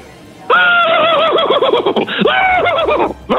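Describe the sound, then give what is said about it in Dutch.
A person imitates a horse neigh: a loud whinny with wavering, quavering pitch lasting about two and a half seconds, breaking briefly in the middle before trailing off. “Misschien nog één keer dat paard van jou?”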